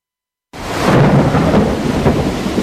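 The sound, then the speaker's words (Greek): After a brief silence, a dense, loud roar of heavy rain bursts in, with low rumbling thunder swelling underneath and pulsing in waves throughout. No voices are present. “Πω, κοίτα τι ρίχνει έξω. Κατακλυσμός.”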